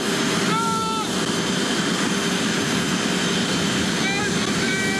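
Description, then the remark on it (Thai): A loud, steady roar of a jet aircraft engine idling at an airport fills the whole stretch, with a few brief high whining tones rising above it and faint indistinct voices. It is the Thai royal aircraft on arrival in Paris, as the King and Queen of Thailand are invited to descend from it. “จากนั้นเอกอัครราชทูตณกรุงปารีสกราบบังคมทูลเชิญเสด็จพระราชดำเนินลงจากเครื่องบินพระที่นั่ง”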